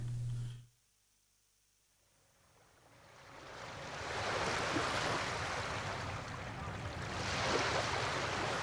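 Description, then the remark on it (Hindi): Foam-crested sea waves swell up from near silence into a broad, hissing wash of breaking waves, rising and falling in long surges as they roll toward a rocky shore and shatter against the rocks. “समंदर की लहरें अपने सरों पे झाग के ताज सजाए इठलाती हुई साहिलों की तरफ बढ़ती हैं.”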